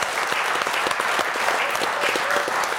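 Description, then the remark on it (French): Steady applause from an audience on RTS Première for a guest who answered correctly, a dense crackle of many hands clapping at an even, sustained loudness throughout, with no voices standing out. “Alors, déjà, on applaudit notre invité qui a bien répondu.”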